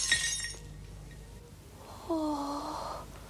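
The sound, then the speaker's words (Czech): A short, bright crash of a porcelain figure shattering into pieces right at the start, with crisp tinkling fragments. It fades quickly, and after a pause a wavering, moan-like tone rises and falls. “Dědeček se rozbil na kusy.”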